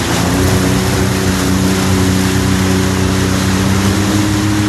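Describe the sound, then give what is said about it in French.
A jet ski engine purrs steadily while being accelerated a little, a loud, continuous drone with a low humming tone and a broad wash of noise, holding an even pitch and volume throughout with no voices. “Là, on peut écouter un petit peu le moteur ronronner, ouais.”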